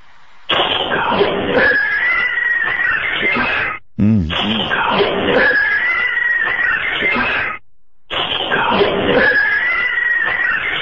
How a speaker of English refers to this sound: I want to hear the cat thing again. Okay, here it comes. Here it comes.